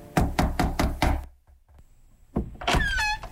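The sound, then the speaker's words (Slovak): Five or six firm knocks on the last door, at the last cottage at the end of a village, in a quick, steady rhythm and loud, followed by a short silence and then a creaking, squeaky sound. “Zastal pred poslednou chalupou, zaklopal na posledné dvere.”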